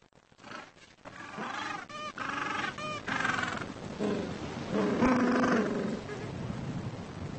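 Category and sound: bird, gentoo penguin colony calling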